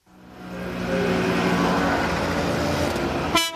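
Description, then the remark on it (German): A convoy of 40 three-wheeler Ape vans under police escort rattles through the streets of Augsburg on a Saturday at an Ape fans' meeting, in a loud, steady mechanical din, with horn toots sounding over the engine noise for several seconds before a sharp change at the end. “Da knattern sie laut hupend durch die Stadt, 40 Apeln im Konvoi mit Polizeischutz.”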